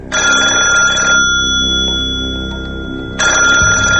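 A telephone bell rings loudly in two bursts, about a second of ringing, a pause of roughly two seconds, then the ring starts again. No one speaks.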